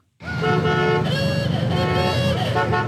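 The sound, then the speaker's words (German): Vintage cars from the past 100 years rumble while horns toot loudly and steadily over the engine noise, a sustained honking that starts abruptly and carries on for a few seconds; some of 300 cars rattling through Springfield, birthplace of Route 66, celebrating its 100th anniversary. “300 Autos aus den vergangenen 100 Jahren knattern durch Springfield.”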